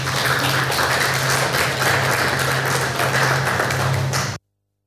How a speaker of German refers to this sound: Vielen herzlichen Dank dafür und großen Applaus.